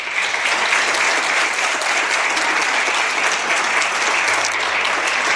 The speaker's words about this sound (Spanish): Por eso, lo mínimo que podemos hacer esta mañana es darles un aplauso emocionado de reconocimiento por su labor.